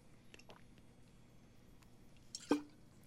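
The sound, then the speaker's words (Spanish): Someone takes a drink of water: a few faint wet clicks, then one louder gulp or swallow near the end, all quiet with no talking. “Espérenme que voy a tomar agua.”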